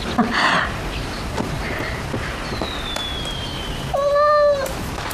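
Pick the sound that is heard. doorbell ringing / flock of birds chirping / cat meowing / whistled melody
cat meowing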